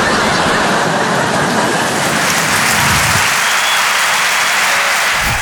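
audience applause

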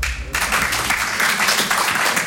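audience applause

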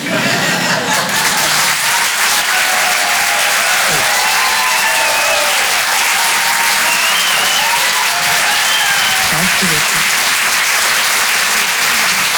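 audience applause

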